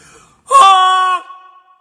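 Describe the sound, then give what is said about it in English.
A person imitates a flying goose with a single loud, nasal honk. The call is held for just over half a second, bright and buzzy, then cuts off, leaving a faint tail. “That's what a goose sounds like when they're flying.”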